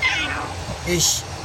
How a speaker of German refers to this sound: Aha. Ist das da Ihre Katze?